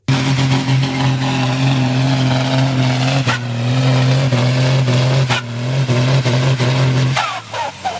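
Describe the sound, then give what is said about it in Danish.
A tractor engine roars loudly and continuously at a tractor pull at the Roskilde Dyrskue agricultural show in Denmark, with strong low harmonics holding steady under heavy load before cutting off abruptly near the end. “Det her, det er selvfølgelig lyden af en traktor, det er traktortræk.”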